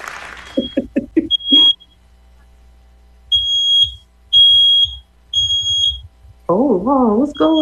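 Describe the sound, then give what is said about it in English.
A smoke alarm sounds in three loud, sustained high-pitched beeps with no fire present, preceded by a short burst of quick chirps and followed by someone speaking in a rising, animated voice. “My fire alarm went off and there is nothing happening.”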